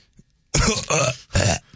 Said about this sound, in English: Excuse me. Let me belch real quick because that's very healthy to belch.